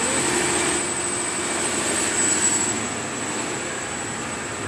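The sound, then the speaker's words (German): Loud, steady machinery roar of an excursion boat's engine room, where a propulsion engine and a smaller generator run: a dense unbroken rumble with a thin high whine riding on top, and no voices. “Okay, bist du bereit für den Maschinenraum auf dem Ausflugsschiff?”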